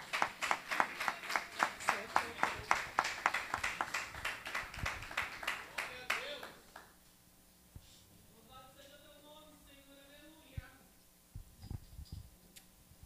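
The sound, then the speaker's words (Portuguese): A church audience claps hands together in a steady, rhythmic beat, loud and sharp, for several seconds, praising and thanking the name of the Lord; then the clapping stops and a single voice speaks. “As palmas louvam e agradecem o nome do Senhor.”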